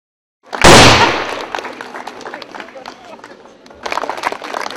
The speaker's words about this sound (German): Und dann ging es an die Kanonen auf der Schießanlage und es wurde aus allen Rohren gefeuert.